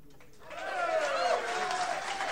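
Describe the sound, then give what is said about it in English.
A crowd cheers and applauds, swelling up after a brief quiet start into a sustained roar of clapping and excited voices that holds steady for a couple of seconds. “The crowd goes wild.”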